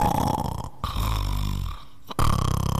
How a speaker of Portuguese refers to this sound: A mulher ronca, viu, rapaz?